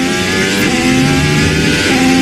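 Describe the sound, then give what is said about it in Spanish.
A Formula 3 single-seater race car engine roars loudly at a racing circuit, its high, buzzing whine holding steady with slight pitch shifts as it revs continuously for a couple of seconds, with no voices. “Es el sonido de un motor de un coche de Fórmula 1, un monoplaza que puede llegar a alcanzar los 378 km/h.”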